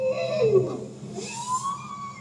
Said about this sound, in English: That's a bowhead whale.